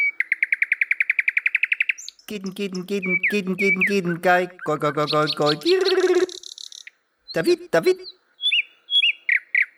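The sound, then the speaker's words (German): A song thrush sings loudly, clear varied phrases with rapid repeated notes, whistles and chattering trills, separated by brief pauses. “Die Singdrossel ist eine Verwandte der Amsel.”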